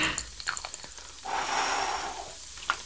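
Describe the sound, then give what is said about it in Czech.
A soft, steady breath blows through a bubble wand for about a second, aiming the bubbles to land inside a box, framed by faint wet clicks and small taps, with no one speaking. “Tak a nyní opatrně foukneme do bublifuku a snažíme se vznikajícími bublinami trefit dovnitř do té krabice.”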